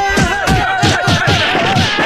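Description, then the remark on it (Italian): After a count of one, two, three, a crowd gives one big slap at once, producing a ragged series of sharp, smacking hits that repeat roughly every quarter second over a steady tonal hum, with no clear voices on top. “Vi facciamo sentire quanti siamo! Dateci tutto uno schiaffone, dai!”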